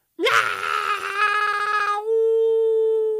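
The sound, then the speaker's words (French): A human voice imitates a little cat's huge yowl, one long sustained wail that rises sharply, holds strong and steady for about three seconds, then settles into a thinner drawn-out tone, alone. “Elle pousse un énorme cri de chat comme ça.”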